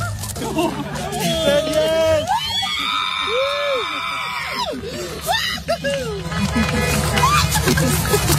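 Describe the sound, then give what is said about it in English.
At a drive-in, after a man proposed marriage on screen and in person, a crowd cheers and screams loudly throughout, with long, steady car-horn blasts from the other cars sounding over the shouting in the middle before the cheering swells again. “You can hear the cheers and the honking horns from everybody else at the drive-in.”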